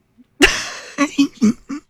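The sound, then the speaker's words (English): A single loud, harsh cough bursts out, then trails into four short, evenly spaced voiced huffs, each a little quieter, with no talking. “Did you hear that goofy cough I just did?”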